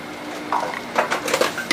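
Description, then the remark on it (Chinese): A utensil clinks and scrapes against a pot several times in quick, irregular succession as a braised dish of pork trotters with oysters and lotus root is scooped out. The sound is fairly clear, with no one talking. “生蚝焖猪脚焖莲藕，香喷喷的一道菜出锅了。”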